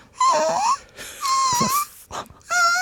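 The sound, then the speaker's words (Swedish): A voice imitates a whimpering puppy with three high, nasal whines, each wavering and bending in pitch, separated by brief breathy gaps, with no speech, done as a voice exercise. “Sen skulle jag också göra en röstövning som var att jag skulle låta som en hundvalp.”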